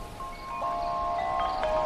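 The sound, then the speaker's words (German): A steady, soft rustle of wind moving through leaves, continuous for the whole stretch, with faint tonal whistles of birdsong drifting above it; no one speaks. “Das Flüstern des Meeres verschwand und es begann der angenehme Klang von Blättern, die vom Wind bewegt wurden.”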